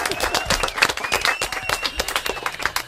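A group applauds steadily for about three seconds, a dense, irregular patter of many hands clapping at once that stays fairly loud and even throughout.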